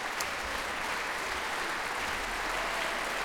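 Sustained applause from a concert audience as the whole Swedish Radio Symphony Orchestra (Sveriges Radio Symfoniorkester) stands and thanks the audience, a dense, steady wash of clapping hands at an even level throughout, with no voices standing out.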